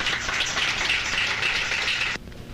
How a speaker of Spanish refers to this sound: Bueno, pues otro aplauso a nuestro rey, hermanos. Él es nuestro médico, nuestro sanador. Fuerte aplauso a nuestro Señor.